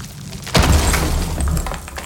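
A heavy thud of a wall being knocked down to make a home open plan, one loud crunching impact followed by a low rumble and scattering debris that trails off over the next second or so.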